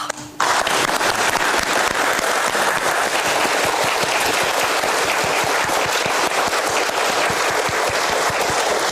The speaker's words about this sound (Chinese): 其实我们为什么鼓掌呢？就是大家经过一个大修就很开心，最终最开心的就是这个最重要的这个并网的这个环节。